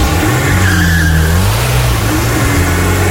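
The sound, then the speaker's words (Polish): The engine of a magnetic grey family car starts and roars, its pitch climbing and dipping as it revs and accelerates away, with a brief high tire squeal in the middle and no voices. “Wsiadacie, zamykacie drzwi, odpalacie.”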